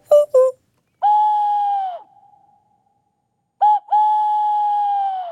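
An owl hoots twice in the same pattern, two quick short hoots followed by a long, drawn-out hoot that slowly fades. The calls are loud, with nothing else around them.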